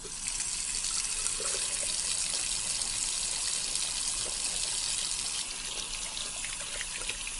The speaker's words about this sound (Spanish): Pelamos la mandioca, llevamos al agua, lo lavamos bien.